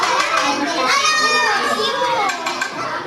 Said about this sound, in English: This includes the lunch served to this group of kindergartners you're listening to now. They're eating fried chicken, rice, tempeh, mixed vegetables, and watermelon.